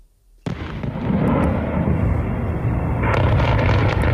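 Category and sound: impact, explosions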